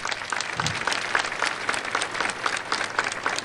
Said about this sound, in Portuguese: Vamos nos acolher a todos com uma calorosa salva de palmas.